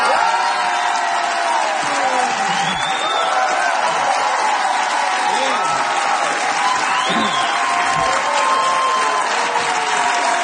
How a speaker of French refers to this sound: Vous ne pensiez pas vous faire applaudir comme ça, hein?